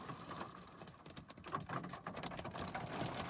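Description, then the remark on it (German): During a storm front over the Münsterland in North Rhine-Westphalia, Germany, a dense, steady clatter of many hailstones about the size of 50-cent coins pelting down, countless sharp impacts hitting hard surfaces, loud and continuous with no voices. “Hagelkörner, so, weiß ich nicht, 50 Cent Stück groß waren die ungefähr. Und viele und sehr laut.”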